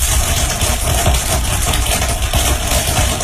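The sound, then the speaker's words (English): Dense, sped-up crackling of growing corn plants, recorded in a cornfield with several hours condensed into a few seconds, blurs into a steady, rumbling hiss. Countless tiny pops are packed so tightly they almost sound like an idling engine, loud and unbroken throughout. “Researchers think the crackling noises occur because of tiny fractures from the corn plant stretching, breaking, and growing.”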